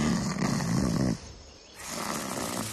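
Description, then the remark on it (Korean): A sleeping leopard snores loudly, a rough, rumbling inhale that breaks off into a short pause before the next drawn-out, raspy breath begins. No one is talking. “그러다 표범이 깨면 어쩌게.”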